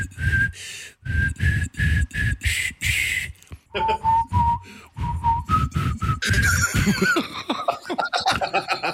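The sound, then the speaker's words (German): Someone whistles a simple melody note by note, the pitch dropping partway through, with breathy, laugh-like bursts underneath and a few wavering notes near the end. “Also ich bilde mir wirklich ein, du hast gerade alle meine Entchen gepfiffen.”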